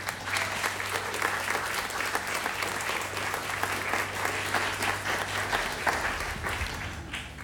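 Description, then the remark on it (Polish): Sustained audience applause for a man during a live radio broadcast with a band, a dense wash of many hands clapping at steady volume for several seconds, with a low hum running underneath and no talking. “Brawo dla tego pana.”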